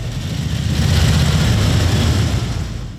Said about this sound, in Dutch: Wat een mooi geluid. Daarom zitten we hier, hè? Schitterend, die Harleys allemaal, hè?